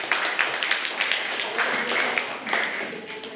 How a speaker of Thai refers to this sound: ปรบมือให้กับเลขที่5ด้วยค่ะ